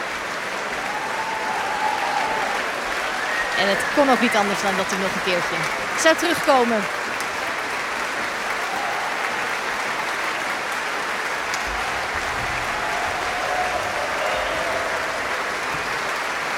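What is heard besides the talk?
concert audience applauding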